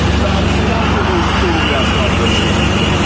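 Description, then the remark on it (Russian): A steady wash of road traffic from a long line of vehicles in a jam before the Russian border crossing toward Georgia, engines rumbling continuously, with indistinct voices murmuring in the background. “Пробка перед российской границей в сторону Грузии.”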